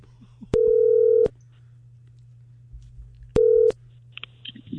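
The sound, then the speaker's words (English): A phone line rings twice on the caller's end as a call is placed to a woman's phone number, each ring a steady electronic tone lasting under a second, separated by a long pause over a faint background hum. No one speaks. “So I called her.”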